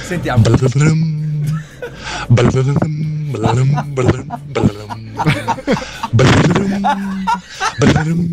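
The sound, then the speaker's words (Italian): A voice imitates a harp with the mouth, a quick run of plucky, sung syllables, each starting sharply and gliding in pitch, repeated in uneven bursts across several seconds with no other sounds. “Ma non fa mai così l'arpa. Cioè, è difficile farla con la bocca, però.”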